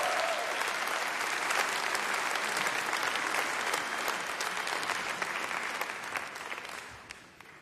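Sustained applause from a sizable audience for a musical performer, dense clapping spread evenly across the whole stretch, steady and full before thinning slightly and fading near the end.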